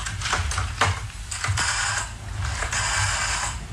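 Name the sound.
telephone being dialed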